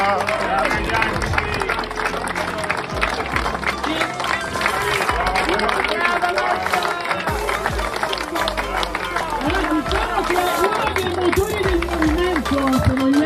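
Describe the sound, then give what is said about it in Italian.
A crowd applauds steadily for several seconds, a dense, continuous patter of clapping with voices and shouts mixed in, holding at a fairly loud level throughout. “vogliamo ringraziargli un applauso, perché senza di loro non potevamo giocare.”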